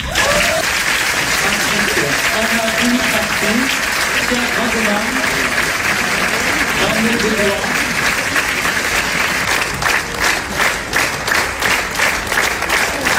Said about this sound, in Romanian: Jurnalul unei cameriste a fost aplaudat minute în șir la Cannes. Filmul a fost proiectat în premieră mondială în secțiunea Quinzaine de Cineast